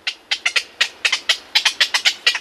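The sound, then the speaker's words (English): A rapid series of harsh, croaking squawks from black-crowned night herons, about fifteen short calls in quick succession, fairly loud with no voices. “For black-crowned night herons, a city zoo can be home sweet home.”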